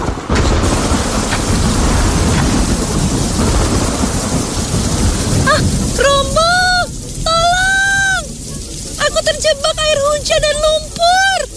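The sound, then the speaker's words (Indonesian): Heavy rain pours down in a steady, loud hiss with a deep thunderous rumble underneath; partway through, a voice breaks in with loud, wavering cries over the downpour. “Tetapi hujan turun dengan deras.”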